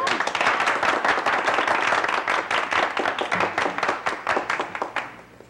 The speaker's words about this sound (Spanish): Sí, aplaudan.